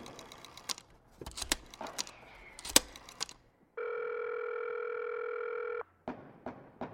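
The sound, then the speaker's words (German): A steady, loud telephone dial tone hums for about two seconds, framed by sharp clicks and taps of a handset at a reception desk being picked up and buttons being pressed to call the police. No one speaks. “Oh, da ist ein Telefon. Yeah, es funktioniert.”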